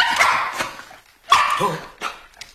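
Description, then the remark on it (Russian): A dog barks in a few rough, excited bursts with short pauses between them, the barks loud and a little strained, with no one talking; the dog has sensed someone's footsteps approaching. “Учуял чьи-то шаги.”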